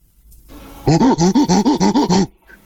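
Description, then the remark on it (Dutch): A person on the telephone does a monkey impression: a rapid series of about eight loud, rhythmic hooting calls, preceded by a brief breathy wind-up and followed by silence. “Kan je een aap nadoen?”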